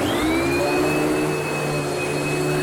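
A household vacuum cleaner runs steadily on a Saturday, picking up dust and cobwebs, with a loud, constant whine and a high-pitched whistling tone over a low motor hum, with no pauses or speech.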